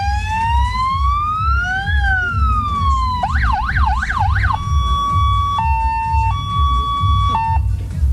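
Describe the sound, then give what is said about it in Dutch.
A loud electronic siren-like horn mounted on the back cycles through several patterns: slow rising-and-falling wails, a rapid warbling yelp, then a two-tone high-low alternation, all over a steady low rumble. “Nou, dit ding wat hier achterop zit. Wat is dat? Dat is mooi toeter.”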